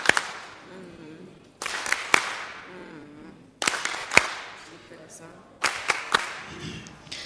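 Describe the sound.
Scattered applause: sharp handclaps come in short bursts every couple of seconds, each ringing out briefly, with faint voices murmuring underneath between the claps.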